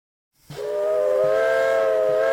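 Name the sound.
steam locomotive whistle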